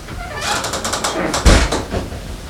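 A door rattles with a quick series of clicks and scrapes, then shuts with a single dull thump, heard alone without talking.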